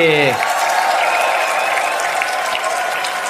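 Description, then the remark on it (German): Loud, dense audience applause for a singer on the 10th broadcast of the TV show Immer wieder sonntags, with steady clapping filling the whole clip, briefly overlapped at the start by the tail of a voice. “Sendung immer wieder sonntags, einen riesen Applaus für ….”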